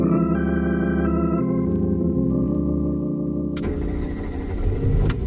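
A car engine runs steadily with a low, droning hum, then shifts to a rougher, louder rumble partway through, as if revving or pulling away. No one speaks.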